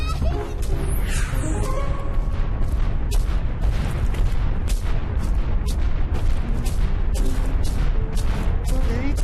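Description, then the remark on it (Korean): A brother and sister's feet thump heavily and rapidly as they run around indoors, a dense, loud stream of dull low thuds with irregular rhythm, plus clattering bumps and faint background voices. “이 사건은 저기 쿵쿵 뛰어다니는”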